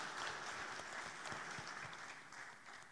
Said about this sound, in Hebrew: תמיד ההורים שלנו היו מספרים לה, כן, מגיע להם מחיאות כפיים.